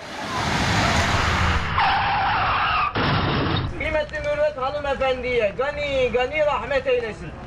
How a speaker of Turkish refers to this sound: İstanbul Zeytinburnu'nda özel halk otobüsünün yaptığı kazada iki kişi hayatını kaybetti. Kazaya neden olduğu iddia edilen otomobilin sürücüsü tutuklandı. Kaza anı da otobüsün araç içi kamerası tarafından böyle kaydedildi.